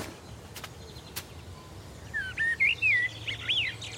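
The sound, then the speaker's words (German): A songbird in a garden sings a short run of bright, warbling phrases in the second half, clear over a quiet outdoor hush, after two brief sharp ticks near the start. “Den Singvögeln helfe ich mit Mehlwürmern über die magere Zeit.”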